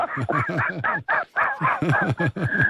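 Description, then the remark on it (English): A person's voice imitates a seagull, letting out a rapid run of about ten loud, squawking calls, insistent with only brief pauses between them. “you can't talk like a seagull.”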